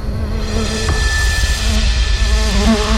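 Bees buzz loudly and continuously, a droning hum that wavers slightly in pitch over a few seconds, with no voices.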